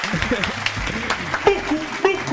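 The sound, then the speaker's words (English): A short burst of hand clapping, dense and fairly loud, with murmuring voices and tonal sounds mixed in underneath throughout. “I needed to give you like a round of applause for that.”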